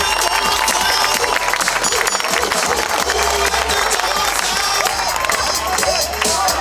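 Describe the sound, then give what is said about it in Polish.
A large crowd applauds and cheers loudly and continuously for the Anwil Włocławek basketball team as it is presented for the season: a dense wash of clapping with shouts mixed in and a low steady hum underneath. “Wielkie brawa dla nich, moi drodzy. Niech usłyszą wasze wsparcie.”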